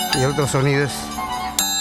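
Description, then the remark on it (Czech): Sharp metallic clinks from the two scissor-like metal blades of the Peruvian scissors dance, each blade sounding slightly different, performed by a Peruvian troupe at a festival: one clink near the start and another just before the end, over a wavering melodic line that slides in pitch, likely a violin or singing voice. “V podstatě to jenom vypadá jako nůžky. Ve skutečnosti jsou to takové dva kolíky.”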